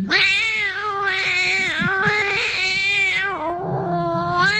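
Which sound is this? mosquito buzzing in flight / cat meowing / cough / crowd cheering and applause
cat meowing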